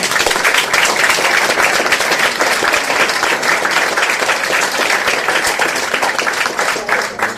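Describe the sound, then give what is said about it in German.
An audience applauds Max Rademann as he is introduced. The crowd claps steadily for several seconds, a dense, loud wash of applause from many hands that holds evenly throughout before easing slightly at the very end. “Applaus für Max Rademann.”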